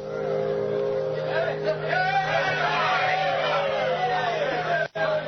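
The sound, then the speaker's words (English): A large crowd at the dock in Dawson City on the Yukon River cheers and shouts continuously to greet the last riverboat of the season steaming into port, over a steady, low engine drone, the mass of voices loud, with a brief drop in sound just before the end. “Cheers cut through the clear air as the Bonanza Bell steamed into port.”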